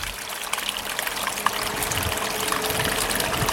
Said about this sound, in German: Radio Rumori, der geheimste Wasserfall von Winterthur